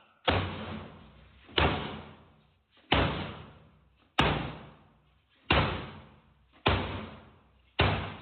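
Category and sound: impact, police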